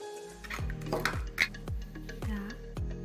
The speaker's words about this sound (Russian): Для этого нам понадобится 4 яйца и сахар. У меня есть миксер. Разбиваем 4 яйца. Смешиваем с сахаром и взбиваем до густой консистенции.